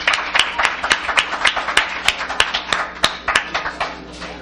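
A crowd claps steadily in a full round of applause for the person who brought the music acts to the event, with many sharp, overlapping hand claps forming a dense, bright patter that holds at an even level without any voices.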